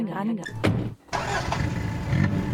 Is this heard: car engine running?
yes